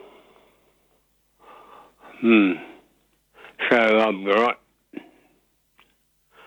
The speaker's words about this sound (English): Sounds like you're breathing a bit heavy. Can you notice that, can you? Oh, a little bit, yeah. Yes, yeah. Well, I don't want to fixate on it, but you do sound a little bit like you're, yeah.